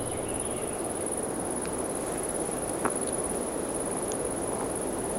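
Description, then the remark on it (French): A soft, steady breeze rushes through a coniferous forest in an even, unbroken wash of noise, with a thin high insect hum running constantly above it and one faint tap midway. “C'est la brise du vent qui passe dans la forêt.”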